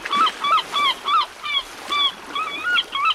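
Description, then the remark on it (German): Seagulls calling in a rapid, steady series of about eight loud, harsh squawks, over a faint steady background hiss, with no talking. “Ach, Wellen, Rauschen und Möwen sind für mich einfach der schönste Wecker.”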